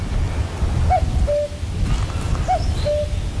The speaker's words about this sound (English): What we didn't count on, though, was a very persistent cuckoo.